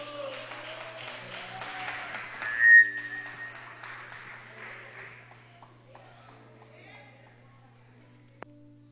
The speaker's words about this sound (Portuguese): As palmas são bem alegres para Jesus.